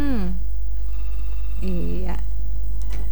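A telephone rings as a listener's call comes in on a live broadcast phone line, in two short tonal bursts separated by a pause of just over a second, clear over a steady low hum.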